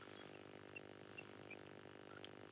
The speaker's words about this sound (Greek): Α, ακούω εκεί τα πουλιά που έχεις μες στο σπίτι.